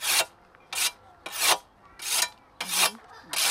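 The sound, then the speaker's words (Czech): A whetstone, held on its edge rather than flat, rasps along a scythe blade in six brisk, evenly spaced slanting strokes, pressed a little harder from above and lightly from below, each a bright, hissing scrape with short quiet gaps between, and no voices. “Že brousek není takto na plocho, ale je takhle na hraně.”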